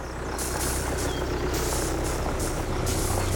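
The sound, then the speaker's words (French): A tractor engine runs steadily, a loud, continuous diesel rumble with a low throb, while bursts of airy hiss rise and fall over it. “Un tracteur, c'est donc une bestiole des champs.”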